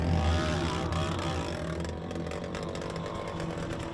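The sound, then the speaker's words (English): A racing dirt bike at Dark Canyon, among the top three or four riders, with its exhaust apparently ripped off, blares steadily, its raw, raspy buzz wavering up and down in pitch as the throttle shifts. No one speaks. “I'm just here above Dark Canyon and I can hear one of the bikes. Sounds really funny. Looks like somebody's maybe ripped an exhaust off or something like that.”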